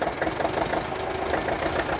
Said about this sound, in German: Und siehe da. Ich weiß nicht, was er hat. Der seltene Traktor knattert wieder.